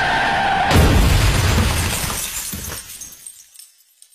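A loud crash of glass shattering, used as a sound effect in a road-safety radio advert about speeding, starting abruptly and spraying into a scatter of tinkling fragments that fade out over a few seconds, with no voices.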